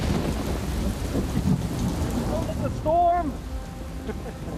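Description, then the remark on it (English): Heavy rain pours steadily throughout while deep thunder rumbles underneath, during a storm at sea aboard a container ship bound for Canada, with a short warbling tone briefly rising over the storm near the end. “And then within a few days, it started rocking and rolling, and then we got stuck in a storm.”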